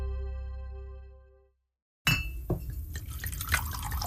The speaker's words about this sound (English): The sound of whiskey pouring into a glass. It's the best sound in the world.